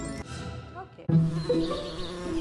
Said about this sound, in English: What's buzzing here isn't electricity, it's tiny bees. Rapid urbanization is threatening India's key pollinators. How can we help bees find their way back into the cities? This was the sound I was missing, sound that made everything grow.